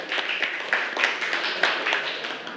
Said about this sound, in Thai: ถูกต้องนะคะเก่งมากค่ะปรบมือให้กับคนสุดท้ายของเราค่ะ